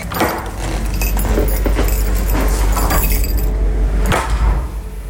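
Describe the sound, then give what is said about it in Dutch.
Keys jangle and clink in a busy, metallic rattle that lasts several seconds, with a louder clack near the end as a lock turns and a front door is unlocked. “Ja, ik kan de sleutels even niet vinden.”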